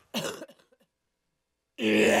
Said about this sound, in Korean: 아, 죄송합니다. 기침 좀 할게요. 제가 시원하게 한번 하고 올게요.